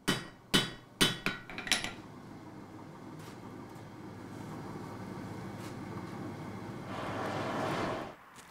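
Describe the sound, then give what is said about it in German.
Several sharp metallic blacksmith's hammer strikes ring out in quick succession at the start in a traditional, still fully functioning forge at a museum, then give way to a steady low rumble and hiss of the working forge, with a brief whooshing burst near the end. “Im Museum gibt es auch eine traditionelle Schmiede, die noch voll funktionsfähig ist.”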